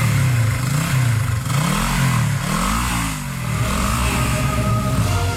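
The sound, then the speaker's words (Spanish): A motorcycle taxi's engine revs hard, its pitch climbing and dipping in several quick surges as the driver accelerates quickly, loud and continuous throughout with no voices. “El mototaxista, que también tenía miedo que le cascaran a él, aceleró rápido la moto, el motorratón.”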